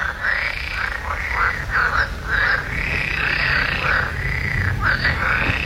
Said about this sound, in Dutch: getuige van een luidruchtige kikkerconversatie